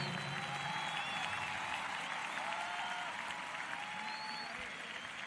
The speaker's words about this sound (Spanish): Dale a Cristo ese aplauso.